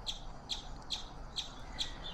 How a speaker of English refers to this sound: This is a call that chipmunks make frequently. And it is almost always, but not always, an alarm call to alert the other chipmunks that there's a hawk or like a dog or, you know, something else scary in the area.